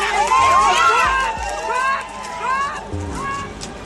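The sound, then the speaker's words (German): Angry protesters push a fence aside and rush through the gap onto a field path, hurried footsteps thudding over steady noise while many voices shout and call out at once, the commotion loud throughout. “Sie schieben ihn beiseite, drängen durch die Lücke auf den Feldweg und rennen los.”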